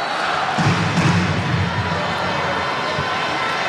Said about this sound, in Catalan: Aquests són els aficionats del Barça, els que ara es fan sentir a Colònia.